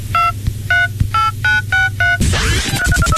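A rapid series of about seven short beeping keypad tones from a mobile phone someone keeps playing with while at another person's house, evenly spaced, followed by a burst of busier electronic chirps, over a low steady hum.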